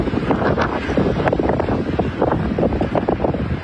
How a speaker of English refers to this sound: Wonder how many people had earaches yesterday after that wind and the dust storm. I don't know, maybe it wasn't even just yesterday either. That was incredible.